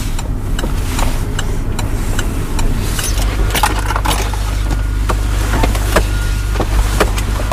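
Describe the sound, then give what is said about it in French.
A car pulling in and parking at the port of Dunkirk, France, with a steady low rumble underneath and a scatter of sharp clicks and clunks, like a seatbelt, handle and door as someone gets out. No one speaks. “À peine sorti de la voiture, le vent sature mon micro.”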